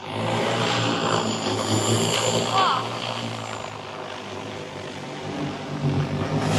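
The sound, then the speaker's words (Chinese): An agricultural drone flies over a rice paddy at the Jiucheng cooperative, delivering rice seedlings by air to a transplanting machine. Its rotors produce a steady, droning buzz with a constant pitch that holds fairly loud for the whole stretch. “在九城合作社，田间插秧作业也实现了全新升级，无人机空中补给的场景正在这片水田上实时上演。”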